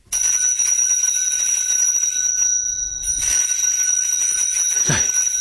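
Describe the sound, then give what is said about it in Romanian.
A small hand bell rings continuously, its bright, high metallic tones sustained and steady, with a brief swell and shake near the end. No voices accompany it. “Ăsta-i clopoțelul meu.”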